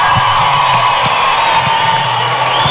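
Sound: audience applause and cheering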